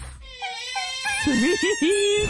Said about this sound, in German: Es sind Otterbabys. Oh, süß. Die klingen so hier und sind einfach